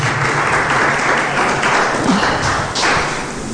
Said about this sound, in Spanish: Quiero que te pongas de pie, dale un aplauso fuerte a Jesús. Por favor, ponte de pie.